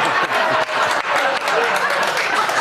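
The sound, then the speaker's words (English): Loud, dense applause from an audience fills the whole moment, a steady wash of many hands clapping with a few brief dips, mixed with scattered cheers from the crowd. “So clap if you don't think she deserved a ticket.”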